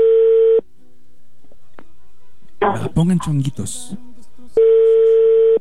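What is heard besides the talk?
telephone ringback tone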